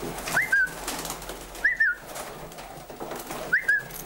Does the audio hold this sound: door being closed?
no